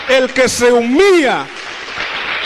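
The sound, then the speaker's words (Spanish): A man's voice rings out briefly, then a crowd breaks into steady, dense applause for Christ Jesus, a continuous hiss of many hands clapping that carries on evenly to the end. “Dale un aplauso fuerte a Cristo Jesús ahora.”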